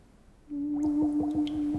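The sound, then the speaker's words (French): Bubbles gurgle as a woman blows through a tube underwater: a steady humming drone starts suddenly, broken by a quick series of bubbly bursts, moderately loud, with no talking. “C'est elle qui souffle dans ce tuyau pour faire toutes ces bulles?”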